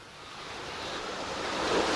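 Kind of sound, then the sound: nature, sea waves and surf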